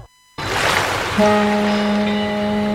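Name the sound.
ocean waves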